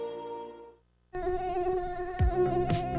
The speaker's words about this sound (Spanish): ¿Sabes quién transmite el virus dengue, zika y fiebre amarilla? El zancudo Aedes aegypti.